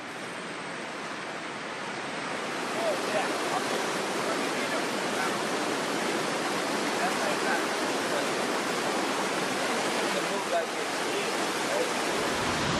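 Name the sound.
waterfall roaring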